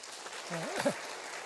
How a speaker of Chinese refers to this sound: 下面第二位啊，我们鼓掌，谢谢啊，谢谢。